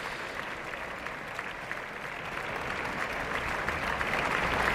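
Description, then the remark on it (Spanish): Sustained applause from a large audience at the end of a concert as the singers of the cast leave the stage. A dense wash of many hands clapping holds fairly even and swells slightly toward the end. “Abandonan el escenario todos los cantantes del reparto y ya van cesando los aplausos.”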